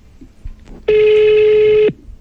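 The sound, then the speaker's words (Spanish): A single ringback tone on an outgoing phone call: one steady, buzzy electronic tone lasting about a second, fairly loud, with faint background noise and no talking. “Vamos a llamar en este momento.”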